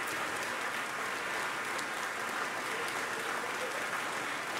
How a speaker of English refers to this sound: She's back on stage acknowledging the applause here in Bennett Gordon Hall.